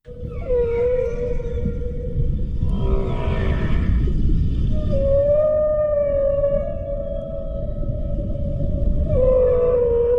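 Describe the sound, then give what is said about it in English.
Long, low moaning calls of a southern right whale, sustained tonal notes that waver and bend over a deep, rumbling underwater background, with no voices present. “That there is the sound of a southern right whale.”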